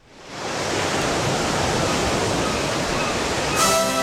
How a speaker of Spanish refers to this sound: Dedicado a los que se ponen sonido de lluvia para dormirse. Ah, qué hermoso. Sí. Cuánto más relajante es ese sonidito.